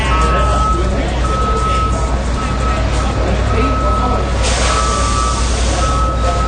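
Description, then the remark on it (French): A semi-trailer truck on the National Mall in Washington, a mobile museum covered in patriotic images, sounds a steady high-pitched reversing beep over loud, constant engine and street rumble, continuing throughout. “Un camion semi-remorque attire les regards au cœur de Washington.”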